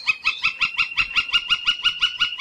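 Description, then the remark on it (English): A gilded flicker, a large tan, speckled woodpecker with a bright red mustache, calls in a steady, rapid series of about fourteen loud, ringing notes, evenly spaced, with no other sounds around it. “The gilded flicker is a large woodpecker, tan, speckled, and with a bright red mustache.”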